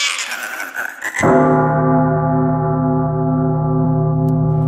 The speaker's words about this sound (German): eine Glocke verbindet man im Abendland eher mit einem harmonischen Gefühl, wenn man die Glocken hört.